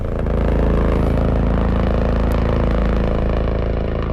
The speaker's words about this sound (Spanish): Escuchamos el motor de Gigante 3, el helicóptero de última generación que ha estrenado sin incidencias el helipuerto en el UCU.